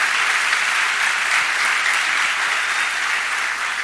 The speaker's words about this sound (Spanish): Demos un fuerte aplauso a Él.